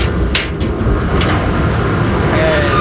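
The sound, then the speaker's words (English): An industrial laundry dryer in a Navy laundry, holding about 100 pounds of laundry, is opened, with a couple of short metallic clicks and clunks over a loud, steady rumble of machinery. “Right now I'm opening the dryer.”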